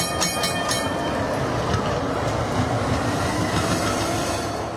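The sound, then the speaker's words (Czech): A tram rumbles loudly past in the dark, its wheels rattling on the rails, with a few quick bright bell clangs near the start before the steady roar begins to fade at the end. “A Neon cítil, jak se kolem něj ve tmě prohnal jakýsi vůz. Jak zacinkal a zase zmizel.”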